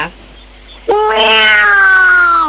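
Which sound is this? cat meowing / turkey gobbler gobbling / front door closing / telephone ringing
cat meowing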